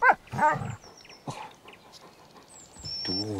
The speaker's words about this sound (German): Der Hund, Mensch.